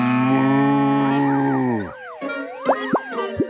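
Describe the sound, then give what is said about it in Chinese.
A cow being hypnotized in a research experiment gives one long, loud, steady moo that cuts off abruptly, followed by a few bouncy, wobbling cartoon boings and plops. No one speaks. “你对那牛做什么呢？”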